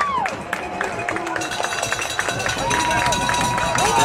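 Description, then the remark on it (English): A loud stadium crowd of Northridge football fans stomps and clangs cowbells in a steady, continuous din that shakes the press box, with metallic ringing and rhythmic thuds layered over cheering and general babble. “Cowbells are out, stomping. It shakes the whole press box.”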